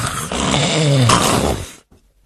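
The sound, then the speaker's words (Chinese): A storyteller's male voice loudly imitates the character Cheng Yaojin snoring thunderously in deep sleep: one long, rough, rumbling snore lasting nearly two seconds, raspy, followed by a brief quiet breath. “往里一迈步，嘿嘿，这位程大爷这呼噜打得震天，睡得真香啊。”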